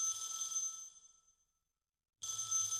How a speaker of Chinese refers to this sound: 打来电话。